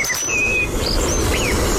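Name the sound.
european robin singing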